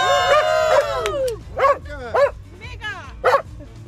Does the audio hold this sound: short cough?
no